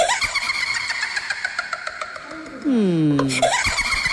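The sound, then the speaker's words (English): A witch's cackling laugh sound effect played on the morning show of 96.1 WEJZ, Jacksonville, loud and high-pitched, with rapid pulsing bursts that swell into a long, gliding screech dropping in pitch, then a brief final cackle. “Yes, a witch laughing sound effect, of course. I played it because you're going to Spooktacular”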